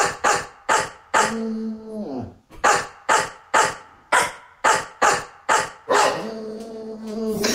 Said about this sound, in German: Okay, wir haben jetzt ja Bulldogge Horst, ja? Und wir hören noch mal kurz rein, wie das klingt, wenn Horst einen HR4-Hit bellt.